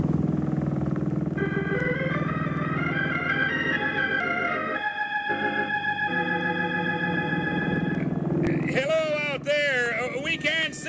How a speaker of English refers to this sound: Then you can turn on the running light while I get this motor started.